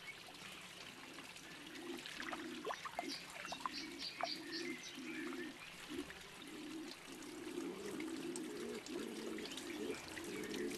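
Low, soft cooing of a laurel pigeon, one of four bird species found only in the Canary Islands, repeats in steady phrases in a laurel forest, with higher bird chirps and a trickle of water running alongside; no one speaks.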